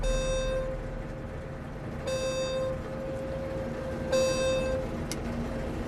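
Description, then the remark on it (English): The 10 AM maintenance alert of Simon's new high-tech combine harvester, driven by Gerald, buzzes three times, each harsh, reedy tone lasting about half a second and spaced two seconds apart, over a steady low engine rumble. “Before we could get going, though, Simon's new high-tech combine started making noises at Gerald.”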